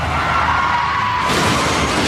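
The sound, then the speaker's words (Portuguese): A car rolls over and crashes after a driver typing on a phone skids, a loud, continuous grinding and scraping roar with a steady whine underneath that turns harsher and brighter about halfway through, sustained. “Chefe está capotando.”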